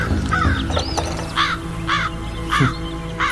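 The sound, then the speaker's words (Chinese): Crows caw loudly in a repeated series of harsh calls, about four distinct caws spaced roughly half a second apart, with a steady low hum of background noise underneath. “今日这乌鸦是怎么了？”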